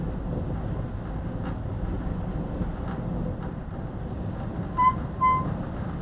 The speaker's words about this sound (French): Ça, c'est la porte qui vient de s'ouvrir à cause du vent. Parce que la porte ne ferme pas.